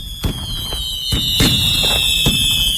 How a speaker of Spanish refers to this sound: Son las 12 de la noche y los fuegos artificiales iluminan el cielo de la ciudad. Acaba el primer día de la Expo 92.